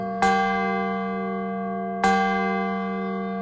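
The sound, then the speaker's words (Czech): A small grave bell, of a kind once placed on graves to alert survivors that the deceased was not dead, is struck twice in a room displaying such bells, about two seconds apart, each clear metallic strike ringing on with a long, shimmering decay. Moderately loud, with no voices. “V této místnosti můžete vidět různé typy zvonků a píšťal, které měly být umístěny na hrobech, aby upozornili pozůstalé, že zesnulý není mrtev.”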